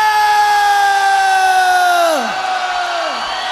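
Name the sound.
crowd shouting together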